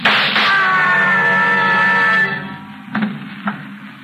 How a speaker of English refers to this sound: What was that? I heard a scream. Downstairs. So did I. And shots.